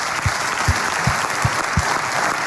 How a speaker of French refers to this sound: Applaudissements